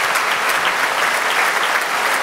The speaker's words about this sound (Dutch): Het derde horenconcerto van Mozart hier op het openingsconcert van het Maaffestival met Johannes Hinterholzer, de hornist, die een daverend applaus krijgt van het publiek.